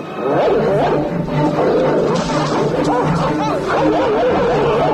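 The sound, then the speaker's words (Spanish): A pack of Rottweiler dogs growl and snarl ferociously in a continuous, chaotic attack on two men, loud throughout, with frantic human voices mixed into the melee. “Un gruñido animal corta en seco la indignación de Gregory Peck. Y entonces, una jauría de perros Rottweiler se lanza sobre los protagonistas.”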